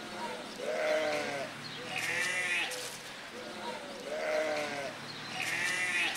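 Guinea pigs at a petting zoo squeal for food in a steady, repeating chorus of shrill, rising and falling wheeks, several calls overlapping with no talking.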